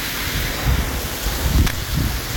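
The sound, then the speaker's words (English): Steady rain hisses throughout, with soft low rumbles of thunder swelling briefly twice beneath the downpour. No voices are heard. “good rain with a little thunder.”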